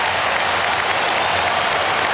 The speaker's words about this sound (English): And the applause, listen to that, the applause from the Sydney fans.